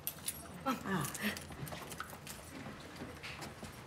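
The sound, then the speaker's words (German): A key jangles and scrapes in the lock of a room door as someone unlocks it, producing a quick run of small metallic clicks, with faint murmuring voices in the background. “Ach, nee, wir haben, Passt der Schlüssel auch da?”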